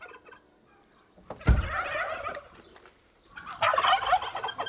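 Turkeys gobble in two loud, rattling bursts, the first starting around a second and a half in and a second chorus near the end, several birds calling together close by with no talking.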